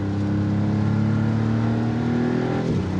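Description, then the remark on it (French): A sports car engine drones loudly with a deep, steady rising tone, then dips sharply near the end as it shifts gear, with no voices. “Le son est plus présent, les vibrations, le passage de rapport est un petit peu plus violent.”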